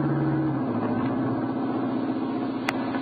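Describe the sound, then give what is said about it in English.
A car engine hums steadily as it comes along a road, fairly loud, its pitch dipping slightly early on as it moves past, with a brief sharp click near the end and no voices. “See, that car just happened to be coming along this road.”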